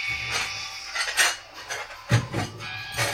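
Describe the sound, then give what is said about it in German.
Dishes clatter and clink repeatedly in an irregular rhythm in a video game, with bright metallic and ceramic knocks standing out over a low rumbling background, moderately loud; the sink and the floor are full of dirty dishes. “Die Spüle ist voll, der Boden ist voll mit verschmutztem Geschirr.”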